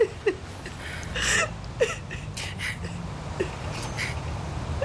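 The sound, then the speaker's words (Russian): A mother cries with short, catching sobs and whimpering breaths at irregular intervals, moderately loud, against a low background rumble, as she greets her arriving daughter. “Мам, ну ты что, хорошо, все, не плачь, а то я тоже зареву.”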